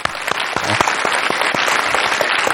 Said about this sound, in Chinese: 掌声欢迎。